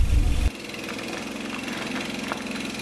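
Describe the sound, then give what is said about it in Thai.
A boat engine runs steadily on a boat crossing from the Laos side to the Thai side, arriving at the Ban Pha Chan landing. It is a continuous low mechanical drone with a rhythmic chug, louder during a brief opening burst before settling into an even hum. “จากฝั่งสปป.ลาวมายังฝั่งไทยนั่งเรือมาไม่เกิน30นาทีก็มาถึงท่าน้ำบ้านผาชัน”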